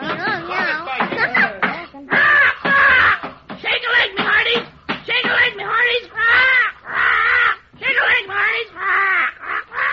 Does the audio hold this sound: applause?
no